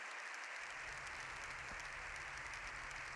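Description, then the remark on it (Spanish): Sustained applause from members of parliament standing after a speech by Pope Leo XIV, more than seven minutes long: a dense, even wash of clapping that continues steadily without breaks, with no voices standing out above it. “Todas sus señorías han aplaudido puestas en pie.”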